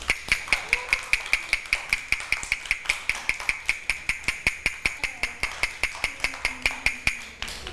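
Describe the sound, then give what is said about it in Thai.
A steady, fast run of sharp taps, roughly four per second, with a bright ringing edge, knocked by a teacher as a fast rhythm for children to recognise, continuing evenly for several seconds before stopping. “คือจังหวะอะไรคะจังหวะเร็วถูกต้องค่ะ”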